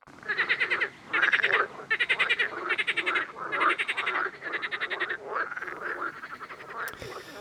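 A frog croaks in loud, rapid rattling bursts, about half a dozen pulsed calls repeating in a steady rhythm with no one speaking.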